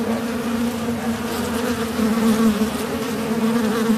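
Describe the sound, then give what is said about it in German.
A steady buzzing of many wasps at the entrance gap of a nest in a cavity in a house's outer facade, second floor, in Liechtensteig, as powder is pumped into the gap; droning continuously with a strong low hum and slight swells in loudness, no voices present. “pumpt das Pulver in den Spalt, wo die Wespe rein- und rausfliegen”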